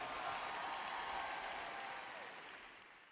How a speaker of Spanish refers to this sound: fuerte aplauso